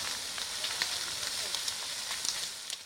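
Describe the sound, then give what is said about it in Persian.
A steady roar of burning with dense, sharp crackles and pops scattered throughout, loud, as a forest fire in the Amazon in Brazil consumes vegetation and spreads toward houses and farmland. “جنگل در آتش، خانه ها در معاصره شعله ها.”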